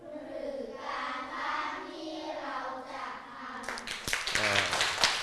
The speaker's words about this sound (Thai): เยี่ยมมากมารยาทของผู้ฟังไม่ต้องบอกให้ครูปรบมือเลยใช่ไหม